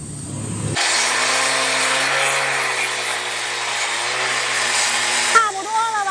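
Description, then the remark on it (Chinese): A power tool starts abruptly and runs steadily, whining loudly as it cuts and grinds a mother-and-child stone down toward a shape suitable for painting on, with a pitch shift near the end as the load changes. “经过两个小时的切割、敲打与反复打磨，这块子母石终于接近了可作画的理想形状。”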